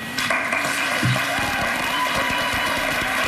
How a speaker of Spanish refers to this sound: Son los aplausos de los estudiantes que estaban allí participando en esa charla que era sobre inteligencia artificial,